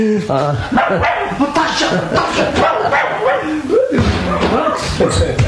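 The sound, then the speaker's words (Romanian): A small dog barks and yips repeatedly in short, excited bursts, loud, with voices talking over it and a busy background. “Ieși mai bine prin bucătărie și ia și cățelul și leagă-l de piciorul mie.”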